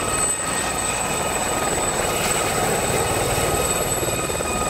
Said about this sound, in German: Dadurch wird die Luft dann nicht mehr nur nach unten weggedrückt, sondern auch zur Seite. Der Hubschrauber fliegt also nicht mehr nur nach oben, sondern auch nach links oder rechts.